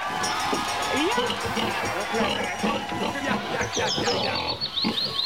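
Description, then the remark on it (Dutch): A pig grunts and squeals, played on Radio West after a caller guessed the animal: a steady, busy stream of snorts lasting several seconds, fairly loud and continuous, with a chattering background like a lively crowd. “Ja hoor, het varken is zelf ook heel blij dat het geraden is, dat hoor je.”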